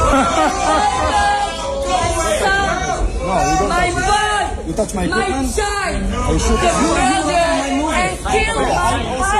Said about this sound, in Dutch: Het publiek in de zaal in Delft begon te roepen en te joelen en uiteindelijk gingen de lichten in de zaal aan.